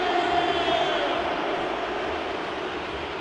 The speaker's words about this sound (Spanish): A Bellingham, los gritos de la gente. Empiezan a tirar uno por uno en la formación de Inglaterra y en un ratito va a llegar la de Argentina.